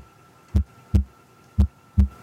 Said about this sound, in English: It's a heartbeat.